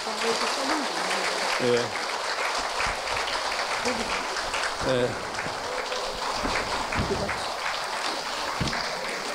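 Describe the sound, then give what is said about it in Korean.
At a book concert for two books, a crowd claps steadily for several seconds for a monk's mother, a dense, even patter of many hands, with a few voices murmuring underneath. “특히 오늘 어머니 보살님이 여기 오셨는데 모두 그분 위해서 박수 한번 쳐드릴까요?”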